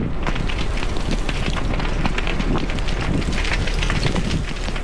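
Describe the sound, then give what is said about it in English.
Loud, continuous roaring wind with gusty buffeting across a broad band, pushing fast-moving wildfire flames beside Westside Road toward properties, mixed with crackling fire noise, steady throughout with no voices. “Fast-moving flames beside Westside Road, the wind howling and pushing the fire dangerously close to properties.”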